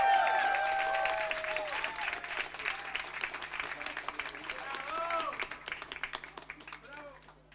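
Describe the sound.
A crowd applauds in a dense, crackling burst of many hands clapping, with some voices cheering over it, then the clapping gradually thins and fades toward the end.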